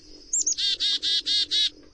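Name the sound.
bird call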